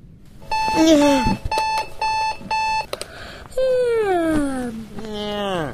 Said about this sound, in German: Was? Ja. Eine Katze? Ja. Wie bist du hier reingekommen?